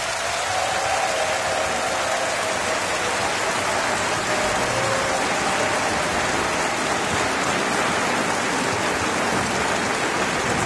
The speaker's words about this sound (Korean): 그리고 스트링 오케스트라까지 모든 출연진에게 다시 한번 뜨거운 박수 부탁드립니다.